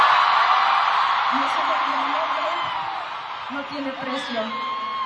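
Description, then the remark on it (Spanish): A concert audience cheers and shouts loudly, affectionately, and continuously for a singer on stage, a dense wash of crowd noise with individual yells and whoops poking through, easing slightly in volume toward the end. “Gritan con cariño, mientras al otro le gritaron otras cosas.”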